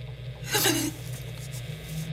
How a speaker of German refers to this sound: Nichts als Rauschen. Es ist wie verhext.